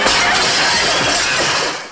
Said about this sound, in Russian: Казадоев пытается отнять микрофон у Семена Семеновича, и они вместе падают. Семен Семенович случайно разбивает стулом окно.